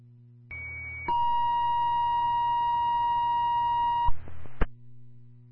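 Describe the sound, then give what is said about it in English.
A fire dispatch second tone for a general fire alarm call: a sustained electronic alert tone holds a steady pitch for about three seconds, with a higher harmonic overtone, over a low hum. It ends with a couple of brief clicks. “Time of your second tone, 1524.”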